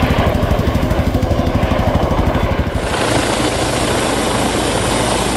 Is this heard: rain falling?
no